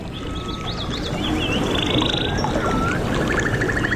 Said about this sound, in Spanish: Los pajarillos con el río, en el río. Qué padre, ¿verdad?